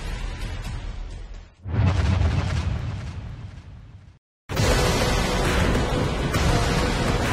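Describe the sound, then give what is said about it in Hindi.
A loud, continuous roaring rumble of an avalanche as a snow mountain cracks in the Kanchenjunga valley at Badrinath during a snowstorm, deep and noisy like collapsing snow, cutting out briefly midway and then surging back with the same heavy intensity. “जब बर्फ का पहाड़ दरकता है तो ऐसी तस्वीरें देखने को मिलती है।”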